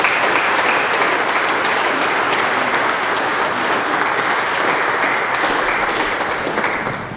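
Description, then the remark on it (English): A crowd applauds steadily for several seconds to greet a little boy who has just been baptized. The dense clapping holds an even, sustained volume before tapering slightly at the end. “And so let us greet this kingdom child with our applause.”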